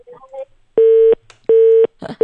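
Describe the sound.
A phone line's disconnected tone after a student's call-in song on a radio broadcast: loud, steady mid-pitched beeps repeating in an even on-off rhythm, three pulses with the last cut short, after a few faint, muffled voice sounds.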